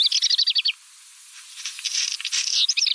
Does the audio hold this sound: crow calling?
yes